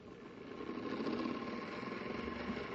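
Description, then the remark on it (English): The Space Patrol machine with a mechanical brain at work: a steady mechanical whirring drone hums on without a break, a low motor-like rumble layered with faint buzzing tones, holding an even, moderate loudness throughout with no voices. “It's the amazing Space Patrol machine with a mechanical brain.”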